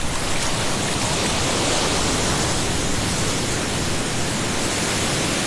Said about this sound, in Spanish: Es que cuando calienta el sol en la playa es cuando uno la pasa mejor, ¿no? Escuchar las olas de San Andrés.